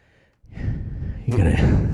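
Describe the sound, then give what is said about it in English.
Heavy, breathy exhales, starting after a brief pause and growing louder, with a rough, airy quality like sighs or gasps. “There's a lot of heavy breathing there.”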